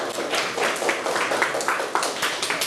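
A group applauds steadily for a few seconds, a dense crackle of many hands clapping at an even, moderately loud level with no talking over it.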